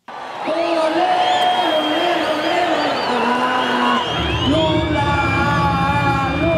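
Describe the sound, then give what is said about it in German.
A crowd of nearly 40,000 supporters of President Lula cheers and chants at a Workers' Party campaign launch rally in the Vila Euclides stadium in Brazil, a loud continuous roar with whistles, whoops and sustained sung tones, swelling further near the end. “Die Anhänger von Präsident Lula tauchen das Stadion Vila Euclides in die Farben der brasilianischen Arbeiterpartei.”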